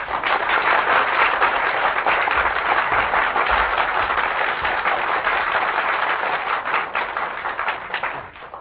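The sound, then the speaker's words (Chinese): Sustained audience applause welcoming two Tianjin xiangsheng (crosstalk) masters, Yu Baolin and Feng Baohua, who perform the crosstalk piece "Zha Mei An". A dense, steady wash of many hands clapping at full volume for several seconds before it begins to thin out and fade at the end. “咱们掌声请出天津这两位相声名家。”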